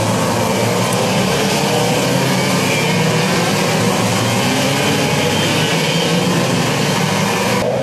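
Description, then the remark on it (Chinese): A dense, continuous roar of racing car engines as race cars drive through consecutive corners 11, 12 and 13 of a circuit during a race, loud and steady with a gritty texture, and no voices can be heard over it. “这边的连续弯11、12、13。应该是能看到前面两台车的线路不一样，傅汉之的动作的幅度很大。”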